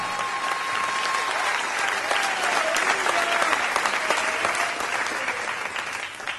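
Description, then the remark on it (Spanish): An audience applauds in a steady, dense burst of clapping that holds at an even loudness throughout, with no talking over it. “No, si le va a aplaudir, apláudale todos como él se lo merece.”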